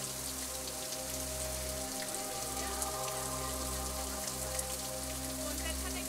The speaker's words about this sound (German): Ja, das ist der Tanneker Wasserfall. Das ist ein Kalktuff-Wasserfall. Das heißt, er wächst auch immer weiter. Fließt Wasser über Steine und Moos, bleibt Kalk dort hängen und wird langsam zu neuem Gestein.